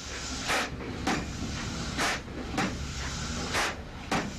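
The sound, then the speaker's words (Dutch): A pile driver strikes a decorated pile again and again, sharp heavy thuds arriving in loose pairs about every second, over a steady background rumble and hiss, as the mayor pulls the ropes to officially drive the first pile into the ground in a polder being made ready for building. “De burgemeester nam de touwen in handen en de eerste dreunen op de versierde heipaal volgden.”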